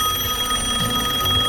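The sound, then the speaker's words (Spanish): A steady electronic ringing tone from an outgoing phone call, holding continuously at moderate volume with no voices, just a faint low hum underneath. “Y voy a hablar con Humberto. Lo voy a llamar.”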